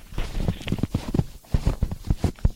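Steady footsteps crunching through snow in the morning, in an even walking rhythm of roughly a dozen muffled, gritty steps with no talking.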